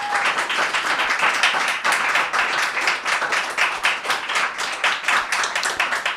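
An audience at a broadcast show applauds steadily for several seconds, a dense, crackling wash of many hands clapping at a fairly loud, even level without any voices.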